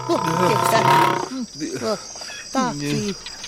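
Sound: lioness roaring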